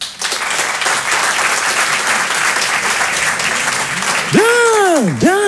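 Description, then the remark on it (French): An audience at a comedy show bursts into steady, dense applause lasting several seconds, answering a poll on who has read Racine. Near the end, a loud swooping whistle rises and falls twice over the clapping. “Par applaudissement, qui a déjà lu du Racine?”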